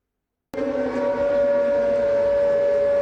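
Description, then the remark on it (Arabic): An air raid warning siren in Ukraine, amid Russian attacks with new jet-powered drones, starts abruptly after a brief silence and holds a loud, steady wailing tone with rich harmonics, sustained without a break and with no voices. “مسافة أقصر بين الإنذار والانفجار، هكذا يمكن اختصار التحدي الجديد في سماء أوكرانيا بعدما أدخلت روسيا مسيرات جديدة بمحركات نفاثة تصل سرعتها إلى 450 كيلومترا بالساعة،”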